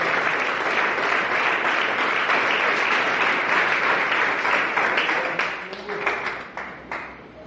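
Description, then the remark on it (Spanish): A church audience applauds the Lord during a sermon, steadily, in a dense, sustained wash of clapping that tapers off into scattered last claps near the end, with faint voices mixed in. “Dele un aplauso al Señor en esta hora.”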